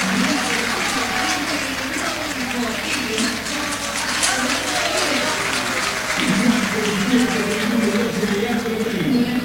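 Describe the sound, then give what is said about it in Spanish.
A large crowd at Boca's stadium applauds steadily during the warm-up before a football match as the stadium announcer names player Velasco. A dense, continuous wash of clapping swells slightly toward the end, with a murmur of voices and faint chanting beneath it. “Todos aplaudidos, ¿eh?”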